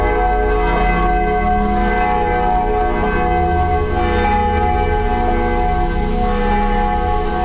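Church bells ring the Ave Maria steadily throughout, heard from afar, their rich overlapping tones sustained and resonant, loud, with no pauses and no voices.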